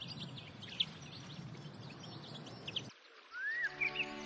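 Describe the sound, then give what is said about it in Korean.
Songbirds, already busy raising their young, chirp in a forest: a few sharp, high tweets over a steady rushing ambience, then a quieter stretch with rising whistled calls and brief trills near the end. “더 바삐 움직이기 시작한 새들은 이미 새끼를 키우고 있습니다.”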